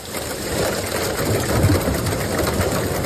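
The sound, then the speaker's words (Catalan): Dense, steady roar of heavy rain with a gritty, clattering texture of hailstones pelting down one evening in Sant Pau de Segúries, in the Ripollès, holding at a constant loud level for the whole stretch with no voices. “Així sonaven les precipitacions acompanyades de pedra aquest vespre a Sant Pau de Segúries, al Ripollès.”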